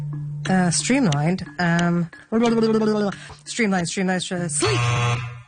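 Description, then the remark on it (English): A loud game show buzzer on a word quiz sounds in several steady bursts, its low droning tone broken by brief gaps and repeating about four times over a few seconds. “Did she get that shot in the air when the buzzer went off?”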